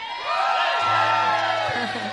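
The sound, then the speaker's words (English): A live concert audience at a Lightning 100 show cheers and whoops loudly, a dense wash of shouting voices with high whistle-like whoops rising over the roar, sustained throughout. “And you got to make some extra noise so people listening regret not being here tonight.”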